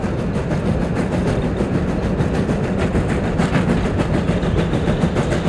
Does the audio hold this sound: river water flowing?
no